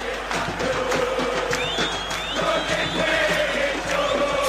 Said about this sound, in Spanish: Buscará de arriba a Lanús cerrar el partido en su cancha con su gente. Que se enciende, que grita, que alienta. Escuchen, miren.